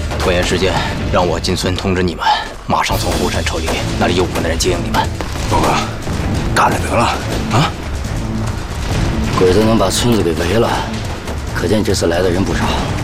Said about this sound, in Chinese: 完了，枪声怎么回事？ 鬼子来了！啊，鬼子来了！